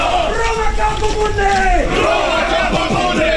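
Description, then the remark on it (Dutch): A crowd of Roman reenactors roars a sustained battle cry, many shouts overlapping in wavering pitch over a steady low rumble, loud throughout. “Dat is ook leuk als je gewoon lekker kunt gaan schreeuwen.”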